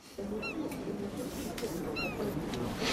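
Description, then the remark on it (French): A seagull gives two short, high, slightly descending cries about a second and a half apart, heard over the steady, busy murmur of a dense crowd on the quays of Nyon. “C'est merci Renaud pour la mouette. Il y a une mouette, oui.”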